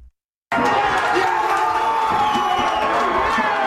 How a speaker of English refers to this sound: The Cape Verdean Association of Bridgeport erupted as the crowd realized their team would be moving on after its draw with Saudi Arabia.